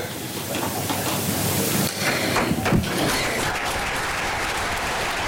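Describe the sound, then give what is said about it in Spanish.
Sustained applause from the Socialist Party Regional Committee for María Chivite's speech, a dense, steady wash of clapping that holds at an even level for several seconds with no voices standing out. “Discurso de María Chivite ante el Comité Regional del Partido Socialista, que, como escuchamos, aplaude el discurso de la que ya es su precandidata a liderar la lista al Parlamento del Partido Socialista”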